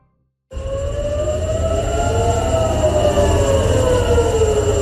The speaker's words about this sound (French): Des sirènes que l'on entend qui ont retenti à nouveau ce matin à Tel Aviv.